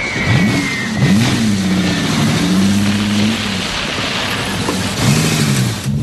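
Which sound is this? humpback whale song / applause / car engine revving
car engine revving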